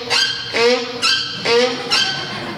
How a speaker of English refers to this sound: There was a mule braying in the pasture.